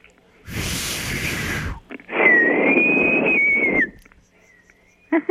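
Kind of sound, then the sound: human body sound, person whistling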